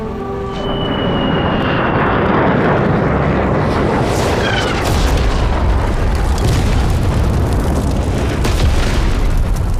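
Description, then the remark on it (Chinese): A bombing raid by US military aircraft on the quarters of a negotiating delegation, with heavy, continuous explosive rumbling and the loud whine of planes overhead, filling the whole stretch without any voices. “竟然肆无忌惮地轰炸我方谈判代表团的驻地， 幸亏主席提醒得早。”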